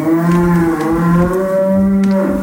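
Cows mooing over a countryside backdrop, with long, loud, low-pitched lowing calls that overlap and drone steadily across the whole stretch. No one speaks.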